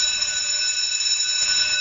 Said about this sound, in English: Did you have like a recess bell or a recess tone? We had a bell. The school was renovated in grade 8, Montgomery, and it went to a tone. Some of them were like a bell of freedom.